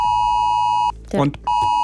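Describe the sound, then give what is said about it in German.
A loud, piercing mobile phone emergency warning alert tone blares steadily, breaks off briefly for a short burst of voice, then starts blaring again. “Wenn um 11 Uhr mein Handy heult, ich erschrecke mich, weil ich im Radio drüber geredet habe, aber nicht mehr dran denke.”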